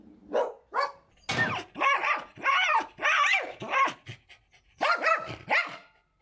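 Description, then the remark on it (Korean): A dog named Cafe lets out a rapid string of loud barks that stretch into drawn-out howling cries, the bursts coming one after another with only brief pauses and no talking. “그 시각 지친 기색도 없이 계속해서 울부짖는 카페.”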